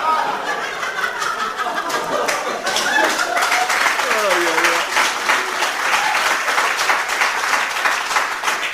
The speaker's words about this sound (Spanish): Dígame, usted, porque la gente lo aplaude, se piensa que yo le voy a creer eso.